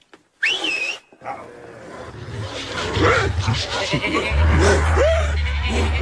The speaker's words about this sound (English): Nine enormous dogs, wearing brass-studded collars, dashed straight for Snowball. In a moment, he was out of the door, and they were after him.